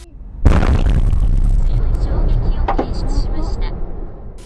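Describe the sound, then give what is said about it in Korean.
A massive explosion at a shopping mall in Japan used as a disaster shelter, about an hour after a magnitude 7.1 earthquake, bursts suddenly after a brief quiet moment, followed by a loud, sustained roar and rumble with crackling debris flying to the road opposite, slowly tapering off over several seconds. “엄청난 폭발이 일어나면서 맞은편 도로까지 파편이 날아갔습니다.”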